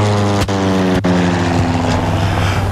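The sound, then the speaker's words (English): A loud, steady airplane engine drone hums throughout, a constant low roar layered with tonal harmonics, interrupted by two quick clicks or thumps near the start, with no voices. “We got on the plane with Ellis and headed home”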